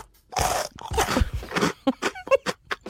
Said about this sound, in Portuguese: Quantas vezes procuras tu o som de mastigar cada vez que fazemos isto? Mas isto era eu mesmo a comer uma bolacha. Eras tu? Era. Mas foi rápido.